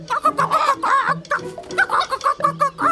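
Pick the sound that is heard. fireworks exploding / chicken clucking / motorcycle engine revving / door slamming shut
chicken clucking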